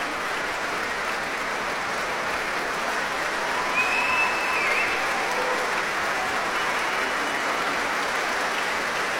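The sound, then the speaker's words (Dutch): Sustained applause from a concert audience for Guy Brownstein, the Concertgebouw Orchestra and conductor Ivan Fischer after the Abbey Road Concerto, a dense, steady wash of many hands clapping at an even loudness throughout, with no voices standing out. “Groot applaus hier voor Guy Brownstein.”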